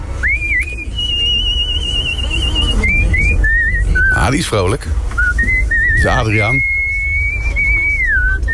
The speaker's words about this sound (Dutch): Ja, het is juist hoor. Het is gespeeld op een toeter. Het origineel hoor je zometeen.